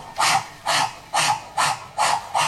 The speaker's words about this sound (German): Und der Propeller macht.